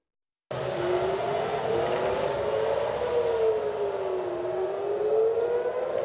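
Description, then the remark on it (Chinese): An air raid warning siren sounds in Tel Aviv, Israel, in the early morning of the 8th after a missile launched from Yemen is detected. It wails steadily, its tone slowly rising and falling over a constant rushing background noise, after a brief moment of silence. No one speaks. “8号清晨，以色列特拉维夫响起警报。”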